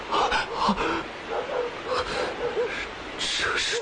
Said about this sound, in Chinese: 你仔细听，狗叫声里还有鬼子的叫声，是鬼子的巡逻队，这可怎么办啊？